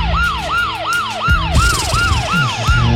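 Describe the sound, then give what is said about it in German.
A loud police siren wails in fast repeating sweeps, each tone rising and falling about every third of a second, over a low rumble of traffic with no voices. “Die Musikklugscheißer-Polizei.”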